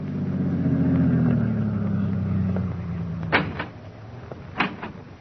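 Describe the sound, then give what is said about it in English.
A car carrying two men drives up to a farm entrance, its engine humming and slowly dropping in pitch as it rolls to a stop, then two sharp car door slams follow about a second apart as they get out while the motor idles low. “two men drove up and got out of their car.”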